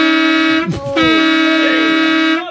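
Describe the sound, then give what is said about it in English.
A loud, steady horn blares for over two seconds, a low droning tone with rich harmonics, broken briefly by a short dip and wavering noise before it resumes at full strength. “I would rather hear that horn again than.”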